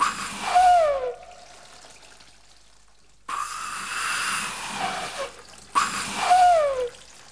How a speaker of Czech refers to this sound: Proč nepískáš? Píšťalko, teče z tebe jenom voda. Počkej, přestaň, uděláš mi kaluš ve světnici. Zastav tu vodu. Podívej, už se valí přes prach. Píšťalko, prosím tě, vždyť zatopíš celou chalupu.